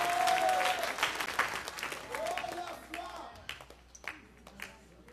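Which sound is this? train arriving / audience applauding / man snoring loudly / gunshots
audience applauding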